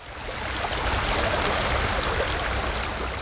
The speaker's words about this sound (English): We're at the Muir Bridge and this is the Torrent River. It's the old canal, and the Torrent River was diverted just where that waterfall is into the Killeen Canal.